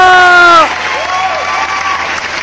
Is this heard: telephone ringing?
no